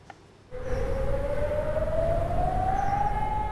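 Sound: air raid siren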